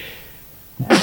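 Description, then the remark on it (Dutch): A single sudden sneeze bursts out after a brief quiet moment, loud, with a sharp noisy rush at the end. “Gezondheid.”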